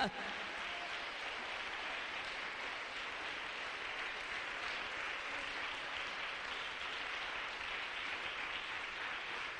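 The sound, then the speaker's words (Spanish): An audience at a morning church service claps loudly and continuously for about ten seconds, applauding the King of Glory. It is a dense, steady wash of applause that neither builds nor fades, with faint voices mixed into the clapping. “Bien fuerte ese aplauso para el Rey de Gloria.”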